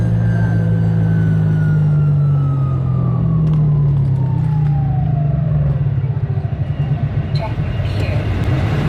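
A loud, close droning aircraft engine winds down, its pitch sliding steadily lower until the hum breaks into a slow, uneven chop as the propeller loses speed.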